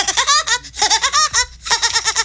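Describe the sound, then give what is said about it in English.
A voice does an impression of Woody Woodpecker's laugh: three loud, rapid bursts of high-pitched, staccato cackling syllables separated by brief pauses, with no other talk. “impression of Woody Woodpecker.”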